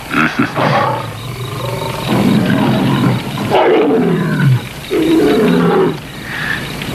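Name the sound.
big cat roaring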